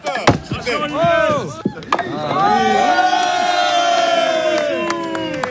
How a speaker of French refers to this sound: Et si vous faites tomber toutes les quilles, ça fait 9 et les applaudissements du public.